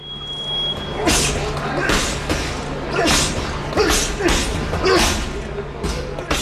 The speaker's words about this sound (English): just follow the thuds of fist making contact with punching bags and bodies